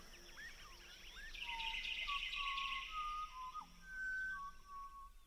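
An Australian magpie in Australia calls with fluting, warbling whistles that slide between pitches, set against a busy background of other birds chirping and trilling. The calls are moderately loud, with no talking.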